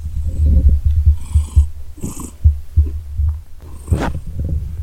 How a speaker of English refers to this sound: I'm trying to get Debo to purr. Come on, Debo. He's not purring.